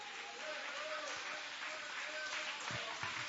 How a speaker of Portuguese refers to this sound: Pode sentar e bater palma para Jesus.